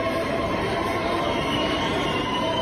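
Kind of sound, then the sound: crowd, crowd cheering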